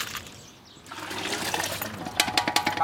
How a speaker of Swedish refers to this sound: En bit längre ner på gatan håller en man på och diskar sina grytor.